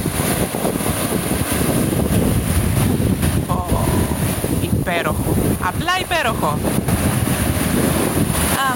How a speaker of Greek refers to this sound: Για κάτσε, γιατί περίμενε τώρα εδώ ήχος της θάλασσας. Πώς μου αρέσει αυτός ο ήχος. Αυτό είναι, για ακούστε το. Ο ήχος της θάλασσας, ο αέρας.